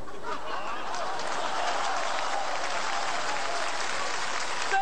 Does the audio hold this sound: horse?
no